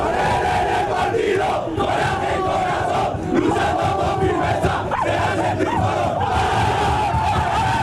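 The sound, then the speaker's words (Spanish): Málaga football players in their dressing room roar a rallying war cry together, loud and sustained for several seconds, a dense wall of overlapping shouts with no clear pauses. “el último que daba ese grito de aliento”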